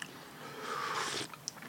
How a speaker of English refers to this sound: Ooh, bits just fell off that biscuit. Did you hear that? Fall off that biscuit into that tray. Complete shatter stars, these are.